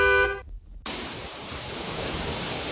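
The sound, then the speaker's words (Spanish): A single short car horn honk blares at the start, cuts off abruptly, and gives way to a steady wash of crashing surf that fills the rest of the moment. “Ven, estrena tu coche y sal pitando.”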